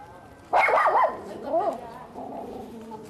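Puppies being taken on the journey to Yeonpyeong Island bark and whine in high-pitched, wavering bursts: a loud yelping stretch, then a shorter cry, then softer, drawn-out whimpering.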